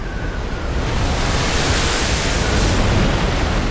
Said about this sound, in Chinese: 但其实最为猛烈的波浪位于远洋水域，巨大的风暴从海洋上空呼啸而过，形成了高大的水墙。